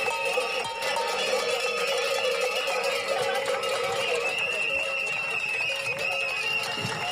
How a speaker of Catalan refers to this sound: És so d'aquesta protesta que s'ha fet al quilòmetre 229 d'aquesta via, la Nacional 260, just al costat de la parada d'autobús i d'altres serveis clau pel poble, al punt exacte on reclamen aquest pas.